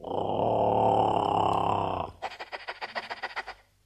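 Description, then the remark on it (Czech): A large wolf on a forest path gives a deep, rumbling growl that holds for about two seconds, then breaks into a quick run of pulsing, rhythmic snarls. It is fairly loud, with no talking. “najednou, jak se cesta zatočila, stojí před ní veliký vlk.”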